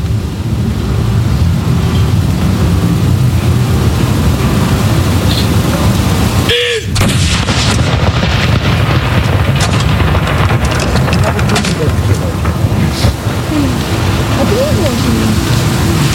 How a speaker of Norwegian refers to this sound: Jeg ser også nede på kaja her, rett nedenfor Akershus festning, så står det folk og ser opp hit. Stille og rolig og få med seg saluttene derfra nede på kaja. Andre kanon!